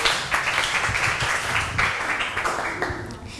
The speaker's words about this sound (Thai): ค่ะก็จบกันไปแล้วนะคะสำหรับการแสดงค่ะขอเสียงปรบมือให้เพื่อนๆที่เป็นนักแสดงหน่อยค่ะ